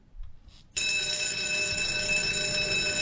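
An electric school bell starts ringing abruptly after a brief quiet moment, then rings loud and continuous with a harsh metallic clatter, with no voices.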